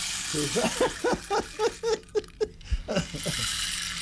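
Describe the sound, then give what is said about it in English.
A rain stick is poured, giving a steady cascade of tiny pattering rattles, dense clicks tumbling for several seconds before thinning into a soft hiss, with no voices. “This is the rain stick.”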